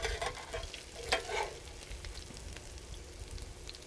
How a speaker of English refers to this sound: There's nothing quite like frying, right? I mean, that's the truth of the matter. I mean, it kind of makes everything good.